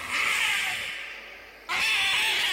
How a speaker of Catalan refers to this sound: Quan ja gairebé el tenia a sobre i ell es veia més morta que viva, l'òliba va fer un crit esgarrifós.